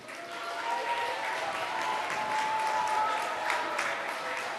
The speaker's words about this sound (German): Ah, Junge, Entschuldigung. Ein Applaus.